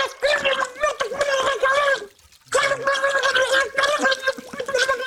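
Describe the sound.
An old woman puts her head under water and swears, shouting and ranting through the water in a loud, bubbling gargle with wobbling tones, broken by a brief pause near the middle before the muffled, gurgling outburst resumes.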